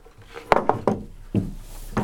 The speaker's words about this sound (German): Lass uns mal den Tisch da in die Mitte rücken. Hier. Und den Stuhl da drauf stellen. Okay.